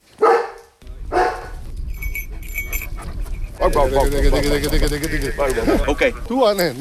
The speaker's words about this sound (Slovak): V okolí Labské boudy v Krkonoších je v těchto dnech slyšet hlasitý štěkot.